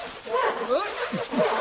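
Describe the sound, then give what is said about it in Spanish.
A small, very furry lost puppy whimpers and yaps: a quick run of high, wavering whines and short yips, rising and falling in pitch, moderately loud with no talking. “Sí, es el cachorro que faltaba. Es pequeño, muy peludo.”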